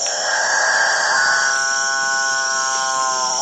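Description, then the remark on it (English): A male capuchinbird gives its display call to attract females, a long, droning, cow-like moo, one sustained buzzy call that swells and holds steady, loud over a constant hiss of forest insects. “apparently irresistible noise attracts the female capuchin birds, which jostle each other ruthlessly in the quest to get close to the studliest of the displaying males.”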